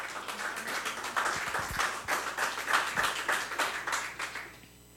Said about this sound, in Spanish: También un fuerte aplauso a la maestra